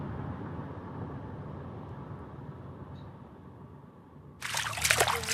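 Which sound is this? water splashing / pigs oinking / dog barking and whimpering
water splashing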